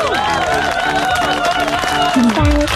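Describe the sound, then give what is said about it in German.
Steady audience applause runs throughout, a dense wash of clapping underneath a sustained voice whose pitch rises and falls, before a brief low rumble at the very end. “Einen Applaus.”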